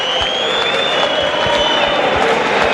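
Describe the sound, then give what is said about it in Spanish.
A stadium crowd at a football match between Córdoba and Burgos Club de Fútbol, tied 2-2 late in the game, roars and shouts as a player goes down, a dense, loud wash of voices with scattered claps and a thin sustained high tone running through it, with no single voice standing out. “Escucharán quizás el grito, pero no hubo nada.”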